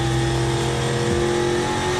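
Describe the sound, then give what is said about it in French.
A V8 race car engine roars loudly and continuously as the car is driven, a deep, buzzing harmonic drone that holds a nearly steady pitch for about two seconds, with no voices. “Une auto assez mythique et qui procure vraiment le plein de sensations. Et son V8, eh ben, il y est pour beaucoup.”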